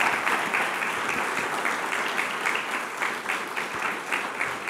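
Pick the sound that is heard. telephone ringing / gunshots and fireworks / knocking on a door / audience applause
audience applause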